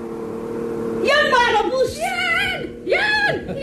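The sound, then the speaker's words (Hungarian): A bus engine drones steadily as it draws near, broken by three rising and falling whining revs that swell and fade, seemingly voiced by someone imitating the motor. “Jaj, nekünk, jön már a busz.”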